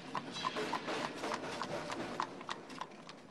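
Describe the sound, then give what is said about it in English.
Horse hooves clip-clop in a steady, fairly quick rhythm as a horse-drawn streetcar rolls past, the sharp clacks moderately loud over a faint rumbling street background. “She never gave up her battle against segregation on the horse cars.”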